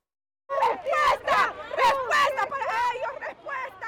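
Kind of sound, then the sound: crowd, crowd of protesters chanting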